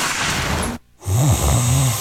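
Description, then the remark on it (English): A loud snore: a breathy rush of air, a brief pause, then a deep, rattling rumble that rises and falls, with no talking. “At Mattress Firm, we understand there are many problems that can keep you up at night, like snoring, aches and pains, or sleeping.”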